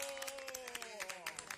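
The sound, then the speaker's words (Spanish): A short burst of group applause, many hands clapping in a dense, irregular patter at moderate volume, with a sustained voice or tone audible beneath it. “Aplauso de todos”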